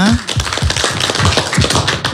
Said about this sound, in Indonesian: Boleh kasih tepuk tangan sekali lagi Ibu semuanya.